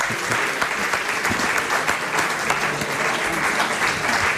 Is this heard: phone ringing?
no